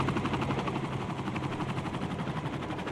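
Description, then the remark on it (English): A helicopter sound effect played from a record: the rotor chops in a steady, rapid thumping rhythm over a loud, dense engine roar, continuous throughout, with no voices. “No, there's not a helicopter in the studio. Just playing more of my sound effect records.”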